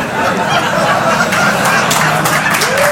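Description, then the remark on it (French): A steady wash of audience applause, dense and sustained for the whole stretch, with sharper bursts of clapping standing out and some crowd voices and chuckles mixed underneath. “Non, non, moi je reste sur l'applause, hein.”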